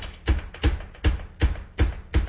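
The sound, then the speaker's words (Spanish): Someone bringing breakfast knocks six times on a door, evenly spaced and fairly loud, each a dull, heavy thud landing in a quick, regular rhythm with no voices. “Ah, están tocando. Déjeme abrir la puerta porque miren cómo toca esta persona. Sí se oye, ¿verdad?”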